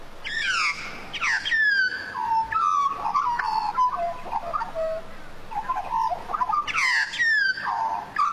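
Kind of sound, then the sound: bird, australian magpie call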